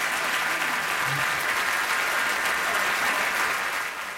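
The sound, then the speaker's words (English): Sustained applause from a large audience in Paris in 1990 after a jazz big band performance, a dense steady wash of clapping that holds at full loudness throughout before easing slightly at the very end. “And the applause goes on and on and on in Paris in 1990 for that performance”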